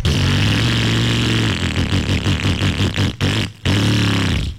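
A loud old motorcycle engine runs with a steady throaty rumble, then revs in rhythmic bursts, cuts out briefly and roars back. No one speaks.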